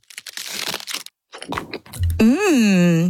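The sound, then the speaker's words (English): A wrapper crinkles, then after a short pause an Aero peppermint aerated chocolate bar snaps with a crisp crunch, followed by a bright, wavering tonal swell that lingers to the end. “This is an Aero.”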